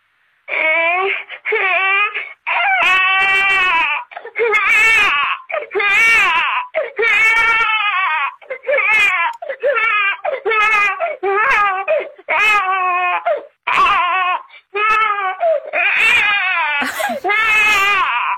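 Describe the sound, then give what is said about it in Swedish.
A person imitating a crying baby: loud baby-like crying, a long run of wailing, whimpering bursts with short gaps between them, rising and falling in pitch for almost twenty seconds with no other sounds. “Alltså, moderkänslorna i mig vaknar ju till liv. Man vill ju bara gå och lyfta upp den där bebisen.”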